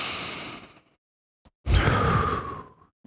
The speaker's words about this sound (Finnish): näin ihanan kappaleen jälkeen ei ole huono idea ottaa semmoinen yksi pieni sisäänhengitys tähän näin. Vähän niin kuin rukouksenomaisesti kiittää tuosta kappaleesta, että Jumala on meidän kanssa. Eli otetaan yhdessä sisään ja ulos hengitys.